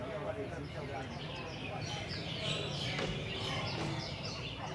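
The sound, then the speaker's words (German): Many small birds chirp and tweet in a busy, overlapping chorus that continues steadily throughout, with a low murmur of voices underneath, in Singapore with the sun standing high. “Wenn die Sonne hoch über Singapur steht, heißt es, genug gezwitschert für heute.”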